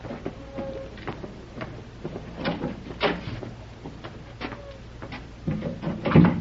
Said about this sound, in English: I'll go ahead and open the door.